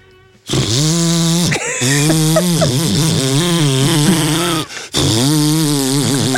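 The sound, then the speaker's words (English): A person mimics a leaf blower with a loud, sustained buzzing drone, wavering in pitch, broken by two short pauses over about six seconds. “A leaf blower.”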